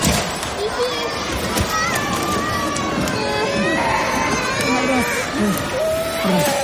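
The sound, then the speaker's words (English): Loud, continuous commotion inside a retail warehouse in Kumamoto prefecture during a 7.1 magnitude earthquake: objects clatter and crash down from shelves in repeated bursts while children cry and a crowd of voices shouts. “The sound of items falling off shelves and children crying inside a retail warehouse.”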